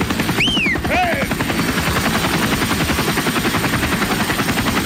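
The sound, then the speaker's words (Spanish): A helicopter passes overhead, its rotor thumping in a loud, steady rapid beat the whole time, with a couple of brief high whining tones near the start. “Ahí va el helicóptero.”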